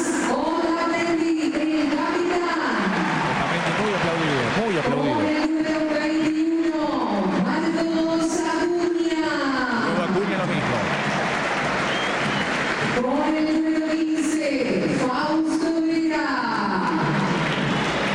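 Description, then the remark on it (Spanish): A stadium crowd applauds player Tobías Andrada as he is announced, in a steady, dense roar while loud whistles repeatedly rise, hold and fall in pitch above the clapping. “Para ver ahí, sí, retumba algún silbido. Tobías Andrada. Andrada muy aplaudido.”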